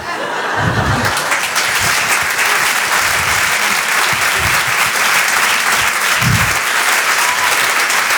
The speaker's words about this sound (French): Vous pouvez l'applaudir très très fort,